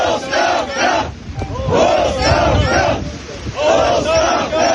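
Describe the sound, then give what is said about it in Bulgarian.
A crowd of protesters who broke through security to reach the gate of a military air base shouts and chants "resignation" in loud, rhythmic bursts of many voices, rising and falling in waves with brief dips between the cries. “Протестиращи пробиха охраната и стигнаха до портала на базата с възглас и оставка.”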